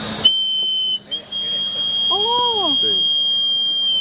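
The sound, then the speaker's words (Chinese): A handmade tujigu toy whistle is blown by a craftsman in one long, steady, shrill high-pitched tone lasting several seconds, with brief voices murmuring underneath partway through. “对，我们小的时候会吹这个会响，只有这个玩呢、啊，没有其他玩。”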